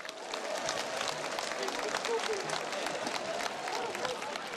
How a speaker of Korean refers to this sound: 율동과 함께하는 연예누리를 즐겁게 진행해 주신 …과 율동 리더들 그리고 여러분들 모두 수고하셨습니다. 다시 한번 뜨거운 박수 보내주시기 바랍니다.